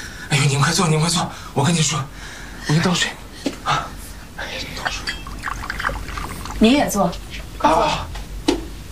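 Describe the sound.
Water pours into a cup in a steady trickle, while people talk over it in bursts.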